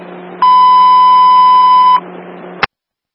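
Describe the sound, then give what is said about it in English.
A county fire dispatch alert tone, alerting all units to a call, sounds as a single loud, steady electronic beep lasting about a second and a half over a low radio hiss, followed by a sharp click before going silent. “County, all units alerted for 441 Garlow Drive”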